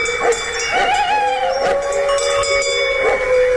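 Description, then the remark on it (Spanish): A dog barks in the distance as a warning, a few scattered yelps rising over a steady, drawn-out howling tone, with no one talking. “Sí, está lejos, pero ladra el perro ya avisando.”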